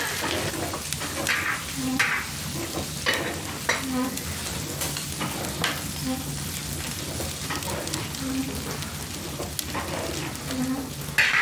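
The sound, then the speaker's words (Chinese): Food sizzles steadily as it is stir-fried in a pot over a flame, with a spatula scraping through it in regular strokes roughly every two seconds over a constant crackling hiss; the heat is too high and the pot is about to burn. “小点火，锅都要糊了。”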